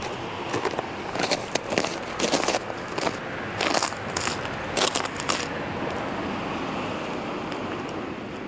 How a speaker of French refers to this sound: Et nous voici arrivés au village de Brassac. Ici, il y a du verglas, des maisons, des voitures.